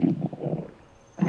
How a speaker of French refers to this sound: C'est le ventre de Toudou qui fait ce gargouillis.